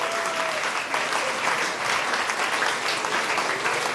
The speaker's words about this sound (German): Merci vielmals und einen Applaus.